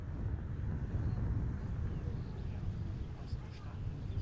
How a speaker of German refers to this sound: Mindestens einmal in der Woche steht er hier, 36 Meter hoch in Merzdorf auf dem Turm. Doch heute ist es oben zu windig zum Reden, typisch Küste.